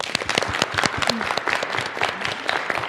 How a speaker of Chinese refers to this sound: 同学们，让我们再次用掌声感谢罗老师给我们带来今天这堂精彩生动的一堂好课。